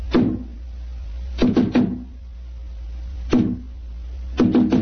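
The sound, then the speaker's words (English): Firm knocks on a heavy, solid wooden door to a basement club, landing as single raps and quick pairs spaced a second or two apart, loud over a low steady hum, with no voices. “Who knocks?”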